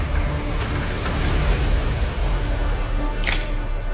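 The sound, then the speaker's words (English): A soft drink can cracks open with one sharp, bright pop and a brief fizzing hiss, heard over a steady low background rumble with no talking. “I feel like you guessed that halfway through the crack. Can 8. Soft drink.”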